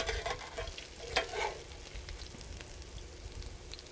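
Steady crackling sizzle of food frying in olive oil, a dense hiss with scattered pops, plus a brief scraping stir around the middle. No one speaks.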